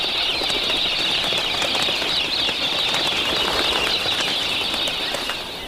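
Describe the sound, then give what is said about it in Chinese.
A dense, steady whirring rush of many wings flapping, as a flock of pink cockatoos beats the air, loud and continuous throughout with faint bird calls mixed in and no voices. “粉红凤头鹦鹉常年生活在农场附近。”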